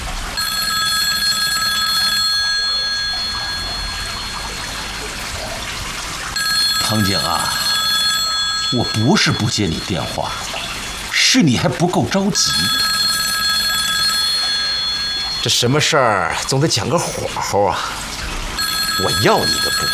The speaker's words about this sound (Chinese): 我不是不接你电话，是你还不够着急。这什么事儿总得讲个火候啊！我要你的布，我肯定要你的布，但是你别着急，你着急我也不接。